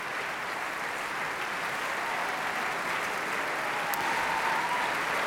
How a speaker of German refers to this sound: Nun betreten die Walküren die Bühne. 1, 2, 3, 4, 5, 6, 7, 8 Damen in blauen Kitteln mit goldenen Schärpen. Auch sie holen sich den wohlverdienten Applaus ab.